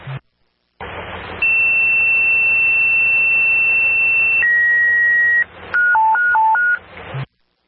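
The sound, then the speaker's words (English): Fire dispatch paging tones from the dispatch center in Shelton, sent over a hissy, static-filled radio channel to alert a fire company to an activated fire alarm: a long high steady tone, a shorter lower tone, then a quick alternating high-low warble before the transmission cuts off. “Stand by for tones.”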